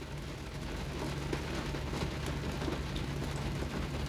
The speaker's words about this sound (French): Sous une pluie folle, folle, folle.